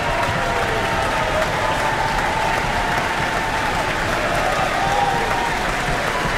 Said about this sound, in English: Cheers and stamps can be heard throughout the Auckland Town Hall for Erica Grimaldi, soprano, in the role tonight of Cho-Cho-san. She's acknowledging the Auckland Philharmonia.